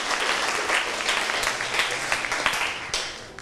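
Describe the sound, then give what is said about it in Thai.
A class of students claps for a classmate after the classmate presents research on meteorites. The claps come in a steady, dense patter of many overlapping hand claps, sustained for a few seconds and fading slightly at the end, with no voices over it. “ขอเสียงปรบมือให้กับเพื่อนด้วยครับ”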